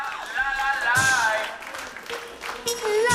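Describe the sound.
An audience at Polish Radio Trójka's Agnieszka Osiecka studio applauds a live performance steadily for about three seconds, with whoops and cheering voices rising above the clapping and a couple of louder bursts of noise.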